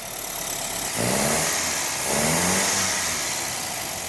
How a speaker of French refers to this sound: À l'atelier, une fois le radiateur et l'échappement posés, Fuzz peut entendre pour la première fois la voix du moteur complet avec ses 1300 cm3. Bien, on va écouter ce qu'il a dans le ventre, en espérant que...